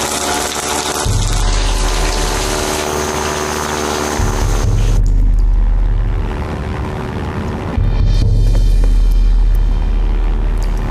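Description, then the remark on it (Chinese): A heavy aircraft engine drones steadily for the whole stretch, a loud low rumble with a humming tonal layer that shifts slightly in pitch now and then. No one speaks. “有飞机，紧闭。”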